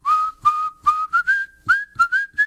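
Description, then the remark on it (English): A person whistles a bright tune of about eight short notes in quick succession, the pitch climbing slightly across the phrase, with no talking. “…, I didn't know you whistled.”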